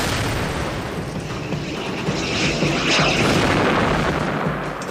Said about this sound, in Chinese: 我们坦克的四周及时地冒起了很浓的黄烟，可是台风战斗机仍继续攻击我们。我们看到浓烟，本能地钻了进去，但根本躲不过。类似列车穿过隧道的声音再次响起，然后又是爆炸声。